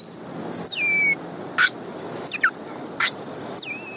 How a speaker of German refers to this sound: Die unterschiedlichen Rufe der Grindwale sind für sie überlebenswichtig. Die Tiere leben in engen sozialen Gruppen. Sie müssen mit anderen Artgenossen also kommunizieren und sich auch nach stundenlangen Tauchgängen wiederfinden können.